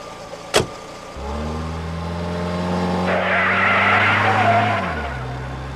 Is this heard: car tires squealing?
yes